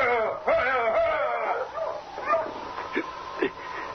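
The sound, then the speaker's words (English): Sled dogs of a dog team bark and yip in short repeated bursts, mixed with high whining whimpers, over a steady low hum and murmuring voices. “Those dogs, Chico.”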